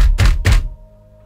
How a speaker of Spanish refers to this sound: El auto se apagó completamente. Motor muerto, luces apagadas, teléfono sin señal. Y entonces escucharon tres golpes en el techo.